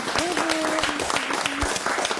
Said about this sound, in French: On peut les applaudir.